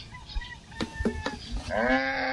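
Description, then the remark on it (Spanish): A tied calf lets out one loud, drawn-out bawl during the milking of a cow, following a few soft knocks and shuffling sounds in an otherwise quiet farm setting. “Bueno, amarra el becerro y busque la totuma. Quieto. Este becerro.”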